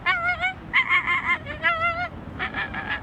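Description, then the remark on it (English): A person imitates an American flamingo's call with four nasal, honking bursts in a loose rhythm, fairly loud, each a goose-like squawk with a slight wavering pitch. “The American flamingo.”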